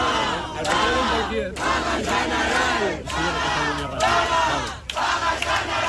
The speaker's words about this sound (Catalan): cap a quarts de quatre un grup d'acampats feien pinya sota una carpa mentre escoltaven les votacions i, en saber-se el resultat, han esclatat en diverses consignes. Una aquesta.